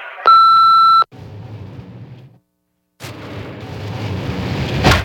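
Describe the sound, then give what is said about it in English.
A single loud, steady electronic answering-machine beep lasts under a second, followed by low rumbling noise, a short silence, then a harsh roar of noise that swells louder toward the end. “Leave a message after the tone.”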